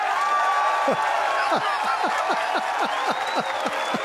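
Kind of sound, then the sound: crowd, round of applause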